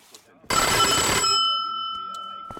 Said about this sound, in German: Türklingel. Was auch sonst.